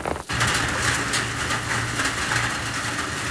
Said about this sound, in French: Oh, sa tambourine n'est pas pareille. Oh, elles sont fortes, ces gouttes d'eau. Toutes ensemble, elles font un bruit, un gros bruit.